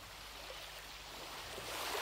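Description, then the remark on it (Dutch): A steady, soft wash of water and surf rolls on continuously for a couple of seconds at the intro of a song, swelling slightly toward the end, with no voices present. “Ze zitten nog even in het water, denk ik.”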